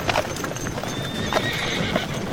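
Horse hooves clip-clop in a steady rhythm while a horse neighs with a high, wavering whinny, loud against a busy outdoor background.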